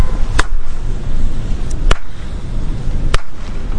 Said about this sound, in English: Like, to me, there's the clap, some space, but it, like, that half of a microsecond later, you hear, you'll hear the echo. It almost sounds like a wave.